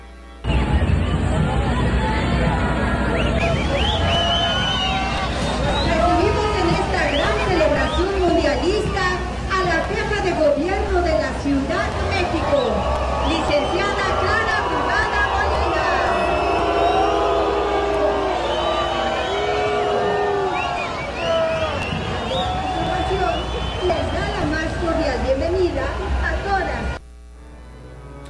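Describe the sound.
A dense crowd in Mexico City shouts, jeers and hurls insults at the city's head of government at a World Cup presentation, many voices overlapping into a loud, rowdy roar with rising and falling yells throughout, ending abruptly.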